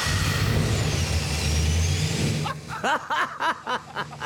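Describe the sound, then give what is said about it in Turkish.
A car engine starts as the key is turned, turning over and roaring loudly with a steady low rumble for about two and a half seconds, then cuts off as voices begin speaking. “Tamam sesini duyalım o zaman. Anahtarı çeviriyorsunuz.”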